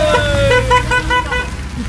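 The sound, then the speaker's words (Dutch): Busy road traffic at a traffic light, a steady low engine rumble broken by a short, bright horn toot near the start, as a reporter weaves between the cars with camera and microphone. “die tussen de auto's door laveerde met camera en microfoon.”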